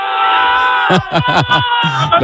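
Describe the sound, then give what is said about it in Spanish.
Eldense football fans shouting and cheering loudly over a constant roar, celebrating the club's promotion on a pitch full of fans in Elda, with several bursts of chanted yells in a quick rhythm in the second half. “Unos gritos animando al Eldense.”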